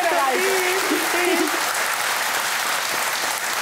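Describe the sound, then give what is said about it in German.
Steady, dense audience applause fills the whole clip at an even loudness, with a brief voice heard over the clapping in the first second and a half. “Alles Gute, der Applaus zu Ihnen.”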